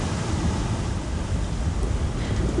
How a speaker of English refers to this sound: There's distance wherever you look, with the shapes of the islands for relief and the sea always changing, never changing. The waves that never stop coming.